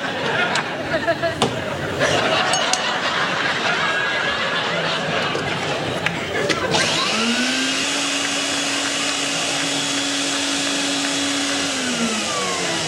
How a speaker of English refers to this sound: This floor vacuum is such a wonderful household convenience that we waited for many years. Yes. Usually in Czechoslovakia, only high party officials of the Communist Party can get them right away.